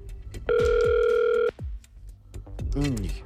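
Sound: telephone ringback tone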